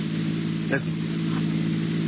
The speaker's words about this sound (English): Listen. That sounds like cars. Probably police cars.